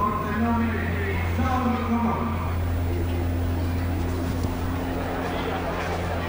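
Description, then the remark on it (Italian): An aerobatic plane with a conventional piston engine drones and revs, making big accelerations and dives to gain speed, its engine note climbing in bursts before settling into a steady, buzzing roar over a constant low hum. “Si sentono le grosse accelerazioni e le grosse affondate che fa per acquistare velocità.”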